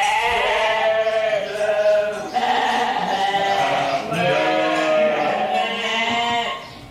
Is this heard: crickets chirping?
no